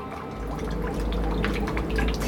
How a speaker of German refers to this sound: Du, Theo, was ich dich schon die ganze Zeit fragen wollte, hat das eigentlich irgendwas zu bedeuten, dass hier ständig Wasser in dein U-Boot reinläuft? Wasser? Da muss irgendwo ein Loch sein.